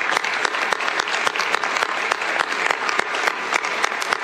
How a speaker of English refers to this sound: You are a true Canadian success story and a big round of applause to you and the 350 workers.